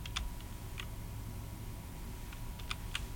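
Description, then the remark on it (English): Several sparse, crisp key clicks, like typing on a computer keyboard, scattered irregularly over a low background hum, with a short cluster near the start and a few more toward the end. “Where's the keyboard? There's the keyboard.”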